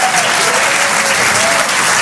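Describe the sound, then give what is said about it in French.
Loud, dense audience applause at a comedy club show for a band, a steady wash of many hands clapping with no gaps. A faint tonal whistle or cheer sits in the background. “On peut les applaudir très fort, …, en direct sur les chansons.”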